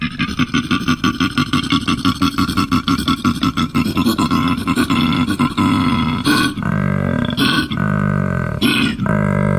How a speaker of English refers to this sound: And, well, koalas, they tend to get a little bit grumpy when they're not fed at 1 o'clock as well. I mean, they start making this kind of noise.